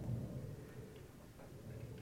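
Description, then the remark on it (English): Wind in a field recording: a steady, low, blustery rumble that swells and eases slightly, with faint flickers of higher hiss. No voices. “So this is sort of my field recording. Just hear the wind.”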